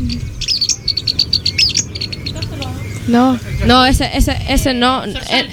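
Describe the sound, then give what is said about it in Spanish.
A small bird, a cachuito, gives quick, high chirping calls in a rapid repeated series, then people start talking while faint chirps continue in the background. “No, ese no. Ese es el cachuito.”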